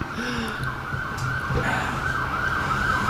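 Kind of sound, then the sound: vehicle, ambulance siren passing outside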